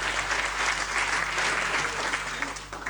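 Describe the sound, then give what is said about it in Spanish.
An audience at a federation celebration claps steadily for about three seconds for the teams who organized it, a dense, even wash of many hands with no voices standing out, fading slightly at the end. “y fíjense, una fiesta así significa que los que estamos disfrutando detrás de este detrás de esta fiesta hay un gran trabajo que hicieron varios equipos, y yo quiero que le demos un poco un aplauso a esa gente que hace eso siempre.”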